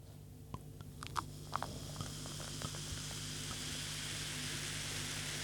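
A few sharp clinks and taps, then a steady, rising hiss of liquid being poured into a glass, continuing evenly over a low background hum with no talking.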